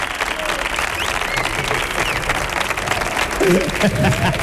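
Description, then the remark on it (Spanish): Steady, dense applause from a large audience fills the whole stretch, loud and continuous, with a voice briefly rising over the clapping near the end. “Fuerte otro aplauso”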